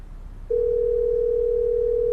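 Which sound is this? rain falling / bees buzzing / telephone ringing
telephone ringing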